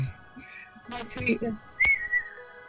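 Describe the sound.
Someone whistles an imitation of tui birdsong: a quick run of warbling, breathy notes and a sharp click, then a bright high whistle that slides gently downward and fades.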